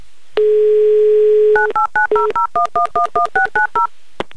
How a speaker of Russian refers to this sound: Я сейчас буду набирать ваш номер.